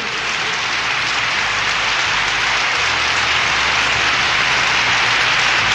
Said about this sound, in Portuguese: Eu quero mais aplausos!